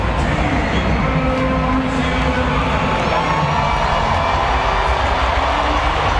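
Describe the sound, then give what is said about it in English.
A crowd of Astros fans at a baseball stadium in Houston roars in sustained, loud cheering and applause, a standing ovation as Mauricio Dubon is introduced in the second inning, a dense steady wall of noise lasting the whole stretch, with his walk-up music threading faintly through underneath. “he's about to get a standing ovation, I'd imagine.”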